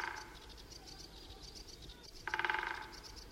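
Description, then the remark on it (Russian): A short, fast roll of woodpecker drumming on a dry branch of a tree by the road in a forest on Valaam island on a sunny day, a quick series of rapid knocks, while faint birdsong chirps continue in the background. “Вот этот дятел стучит, он обычно садится на сухой сучок и выстукивает дрели вот на том дереве у дороги.”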